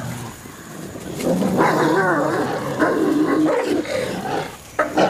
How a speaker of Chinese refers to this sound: 它们能够捕杀野猪和欧洲马鹿等大型猎物。可是一旦捕到猎物，狼群内部的权力之争将再次上演。